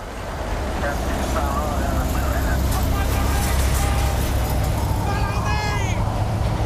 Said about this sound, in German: Wenig später durchbricht das dumpfe, heisere Dröhnen der Traktorenmotoren die Stille des Schelfeises.